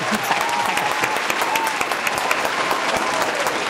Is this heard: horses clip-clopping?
no